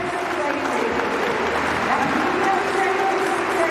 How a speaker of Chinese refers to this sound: 接下来呢，还剩美国选手克莱尔·布兰特。这时候呢，也是需要现场的观众去为他拍拍节奏，打一打节拍，让他更兴奋一些。